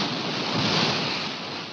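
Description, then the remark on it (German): Waves wash in a steady, rushing hiss of surf, fairly loud, swelling slightly midway and then easing, as a woman who has undressed runs into the water; no voices present. “Monika zieht sich aus, läuft ins Wasser.”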